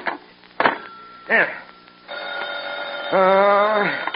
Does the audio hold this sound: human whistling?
no